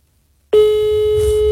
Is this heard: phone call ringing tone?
yes